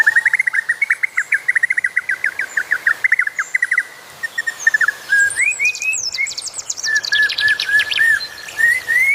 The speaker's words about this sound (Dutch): Wat horen we? Dat is de pitouï, de berg pitouï.